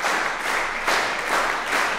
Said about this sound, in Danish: Men inden da, der skal vi i hvert fald lige have musikerne op og bukke endnu en gang for publikum, der klapper taktfast, kan I nok høre. Og pifter også.